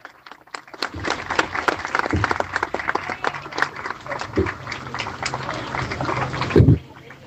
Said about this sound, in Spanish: También están presentes hoy Escuela de Pueblo General Belgrano. Los de Gualeguaychú los aplaudimos a los de Pueblo Belgrano.